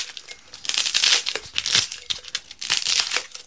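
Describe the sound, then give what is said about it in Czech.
Dense, irregular crunching and crackling as polystyrene is broken up and packed into a jar, with bright squeaky bursts rising and falling in waves over several seconds. “Já jenom upozorňuji, že všechen ten polystyren se má vejít do té lahve.”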